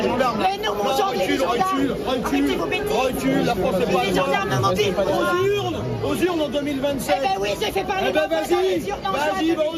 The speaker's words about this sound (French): écouter attentivement ces militants d'extrême gauche qui hurlaient à plein poumon contre la présence de Marine Le Pen dans cette ville. C'était la ville de la Flèche, ville qui a été remportée par le Rassemblement National aux élections municipales.